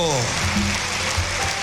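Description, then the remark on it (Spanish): Dense, steady applause from a crowd giving applause to the Lord, a continuous crackling wash of many hands clapping at once, with a voice briefly heard at the start and cheering mixed in underneath. “Dale el mejor aplauso al Señor.”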